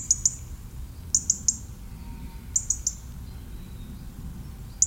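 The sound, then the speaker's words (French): A European robin settling into its winter quarters gives sharp, high ticking calls in quick bursts of two or three, repeating every second or so, clear against a soft low outdoor rumble. “On reprend à ce moment-là où le rouge-gorge vient prendre ses quartiers d'hiver.”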